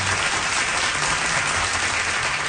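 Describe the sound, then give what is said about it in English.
A large audience applauds steadily and continuously after a duet performance, a dense wash of clapping that stays loud and even from start to finish, with no speech over it. “But it went really well, and he got such applause and cheers from the audience.”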